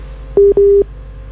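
Two short beeps of a steady electronic phone tone, the kind heard when a call drops, close and clear over a faint low hum, with no one speaking.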